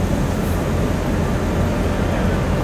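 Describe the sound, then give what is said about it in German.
A freight train runs steadily on a coin-operated model railway layout about 1.50 by 2.50 metres and 2.20 metres high, giving a continuous low mechanical rumble and whir at an even, moderate level with no pauses and no voices. “So, dann fahren wir mal mit den Güterzügen hier. Wähle Züge, weiße Taste drücken. Güterzug.”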